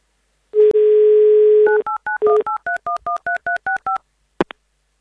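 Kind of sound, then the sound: signal or alarm, telephone dialing tones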